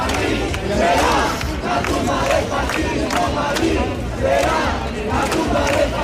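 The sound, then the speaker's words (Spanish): Protest campers at the Sol encampment chant and shout in unison in response to insults and heckling, a loud, sustained roar of many voices with rhythmic surges of rising and falling intensity throughout. “Ante estos insultos e increpaciones responden así los acampados.”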